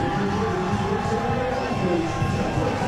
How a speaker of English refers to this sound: This is a great playoff atmosphere here in Long Beach. The fans really getting into anything the Coastal give them to cheer for. They have their rally towels waving here on this Tuesday night in front of a sellout crowd.